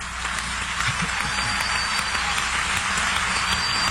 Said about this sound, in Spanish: Y de hecho, en esta noche, cuando usted aplaude después de cualquier canto, ese aplauso es para el Señor Jesucristo. Entonces hay que hacerlo con todas nuestras fuerzas.